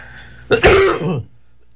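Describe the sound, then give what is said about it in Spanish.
A single rough cough, fairly loud, with a throaty, rasping quality, followed by a brief quiet pause before another burst begins at the very end. “Y la tos no es por los 3 matrimonios.”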